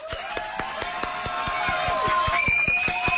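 An audience claps steadily in a fairly regular rhythm, fairly loud, welcoming a guest doctor onto a programme, with sustained tones humming underneath and no voices rising above it.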